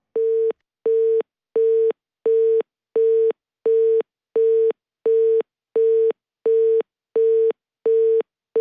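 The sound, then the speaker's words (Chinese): A telephone busy signal after a customer service hotline hangs up the call during its satisfaction rating prompt: a steady run of about fifteen identical short beeps, evenly spaced with brief silences between, clear with no voices. “哎，我还没按不满意呢，怎么就给我挂了呢？”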